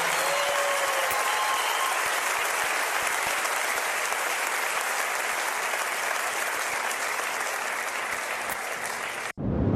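Sustained audience applause, dense and steady clapping from a sizable crowd that holds at a constant loud level for nearly ten seconds before cutting off abruptly.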